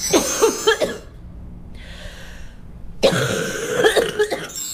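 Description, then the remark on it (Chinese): A burst of harsh, wet coughs with a rattling, phlegmy quality from sticky phlegm in the airway, a brief breathy pause with a soft inhale, then another round of congested, effortful coughing, fairly loud. “对，它气道里有那种黏黏的痰，所以它咳出来可能有点痰鸣的声音。”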